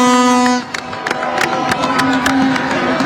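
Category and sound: crowd, applause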